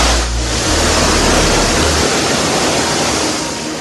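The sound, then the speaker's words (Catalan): A dense, steady roar of torrential rain water pouring down at the Majado station of Metro València, in the Benimaclet neighbourhood of Valencia, loud, with a low rumble underneath for the first couple of seconds. No voices are heard. “Sí que plovia, i ara ho sentiran també, a l'estació de Majado, al barri de Benimaclet.”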